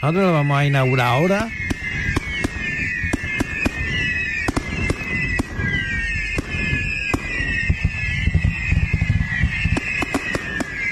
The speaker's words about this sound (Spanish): Nosotros ya estamos quemando fuegos artificiales porque esta noche se inaugura la feria y fiestas en honor a Nuestra Señora de las Mercedes, que se celebra hasta el próximo domingo en la localidad de Pozo Blanco.